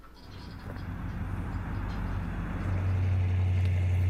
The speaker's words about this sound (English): That's a video. It means you got to listen to a car drive around a little bit here.